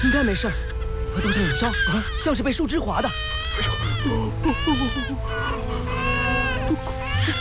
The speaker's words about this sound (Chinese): 刚才我们听见路边草丛里有婴儿哭，还以为是这里当老乡丢下的，就捡起来了。